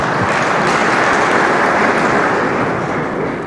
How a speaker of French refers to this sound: On peut applaudir, c'est permis, c'est permis.